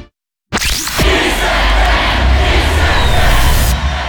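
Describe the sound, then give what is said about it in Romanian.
A loud crowd of Kiss FM radio listeners in Romania roars and cheers continuously after a brief silence, a dense wall of shouting voices with a swooshing sweep near the start, holding steady before cutting off. “Îi auzi? Sunt ascultătorii Kiss FM și sunt cei mai mulți din România.”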